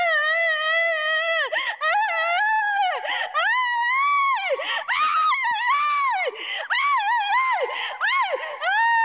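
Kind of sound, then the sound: human body sound, person wailing and screaming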